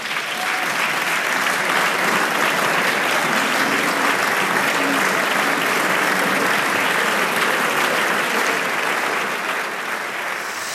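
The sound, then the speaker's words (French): Sustained applause in the French National Assembly after deputies adopt a bill by 291 votes to 241, a dense, steady clatter of many hands clapping at an even loudness throughout, with faint crowd murmur underneath. “Et vous entendez donc ces applaudissements.”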